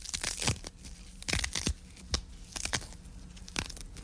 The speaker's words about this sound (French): Alors, c'est parti, mes feuilles de basilic. Donc je prends mes feuilles de basilic que je vais déchirer à la main. Et que je vais mettre dans mon mortier.